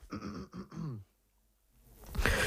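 Three quick, harsh coughs, followed by a brief silence and then a rougher, breathy burst as the coughing fit trails off. No talking.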